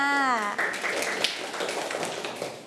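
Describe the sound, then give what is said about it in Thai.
A short spoken voice gives way to many children clapping for two people, a dense, steady patter of many hands that continues to the end at moderate volume. “นั่งลงได้เลยค่ะเก่งมากค่ะเด็กๆปรบมือให้ทั้งสองคนค่ะ”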